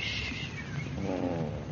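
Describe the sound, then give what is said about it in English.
A cat named Shakespeare purrs loudly, a steady low rumbling vibration with a slightly rising, throaty tone near the end, with no voices over it. “And don't purr so loud.”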